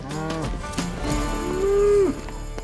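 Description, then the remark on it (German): Texas Longhorn cattle mooing: a short low moo followed by a longer, louder drawn-out bellow with a steady tone that drops off sharply at the end. No one speaks. “und haben uns selbstständig gemacht mit den Texas Longhorn-Rindern und haben uns hier unseren Texas-Traum eigentlich erfüllt.”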